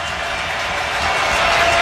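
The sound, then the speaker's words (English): A dense roar of a stadium crowd at an American football game swells steadily louder over a couple of seconds as the offense faces a fourth down, a broad continuous wash of cheering and noise with no distinct voices standing out. “Crowd rising on this fourth down.”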